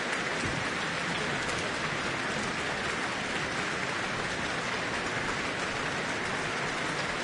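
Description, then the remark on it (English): Sustained applause from a large concert audience in New Zealand for the Auckland Philharmonia, standing, and conductor Eivind Aardland after Mozart's Symphony No. 40 in G minor; a dense, steady wash of clapping that holds at an even loudness throughout, with no voices heard. “The orchestra is on their feet again, receiving their applause.”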